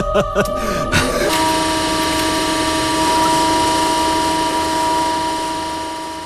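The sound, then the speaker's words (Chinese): A J-15 fighter jet built by Shenyang Aircraft Corporation flies loud on its successful first flight on 30 November 2012, its engine a steady, sustained roar with a high whine running through it, after a few brief sharp knocks at the start. “2012年11月30日，沈阳飞机制造公司的歼十五歼击机首飞成功。”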